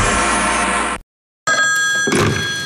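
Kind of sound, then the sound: household object, telephone ringing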